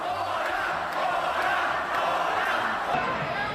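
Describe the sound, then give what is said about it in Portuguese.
A dense crowd at a political rally in Catalonia on the eve of the Diada roars continuously, supporters' applause mixing with loud booing and shouting from opponents, steady throughout with no single voice standing out. “Quen chegou a proclamar que a Alianza veu para salvar Cataluña entre os aplausos dos seus seguidores e os apupos dos do lado contrario.”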